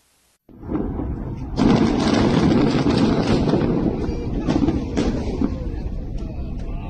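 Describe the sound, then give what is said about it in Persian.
A huge explosion erupts after a brief silence, swelling into a loud, sustained rumbling roar with crackling bursts that continues for several seconds, with no voices. It is the Israeli army blowing up a Hezbollah underground tunnel network on the Ali Taher ridge in southern Lebanon; the blast caused a magnitude 4.1 tremor. “این انفجار عظیم پایان عملیاتی چند ماهه در یکی از مهمترین ارتفاعات جنوب لبنان بود.”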